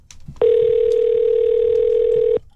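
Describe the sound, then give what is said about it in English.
A phone line rings on the caller's end as a host at the radio station the Eagle 93.5 calls a contest winner: one steady electronic ringback tone lasting about two seconds, loud and clear, with only faint background noise before and after. “I'm going to see if I can get her on the phone here.”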